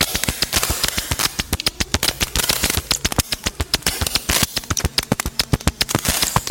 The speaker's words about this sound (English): A snare drum sound designed using a short audio recording of two sheets of wide ruled paper being rubbed together.